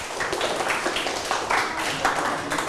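A group of people (group 3 at an event) clapping steadily, a dense, continuous patter of many hands at an even loudness from start to finish, with no voices standing out.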